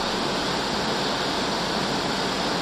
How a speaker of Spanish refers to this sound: Porque le han puesto calamina también. Pero no sé si ustedes me están escuchando bien, pero está fuerte la tormenta, señores.